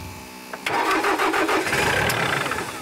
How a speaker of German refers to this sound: Also der Trecker, der geht immer wieder aus. Erweck ihn zum Leben.